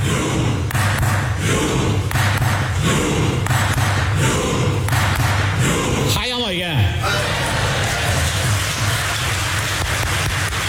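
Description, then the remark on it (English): Members of the Norwegian Parliament perform the viral Viking clap chant in Parliament in support of their national football team at the World Cup, with steady, evenly spaced claps and shouts over a constant crowd roar, broken midway by a brief rising and falling cry before the noise carries on. “This is a clip of them performing the viral Viking row in Parliament to show support for their national team.”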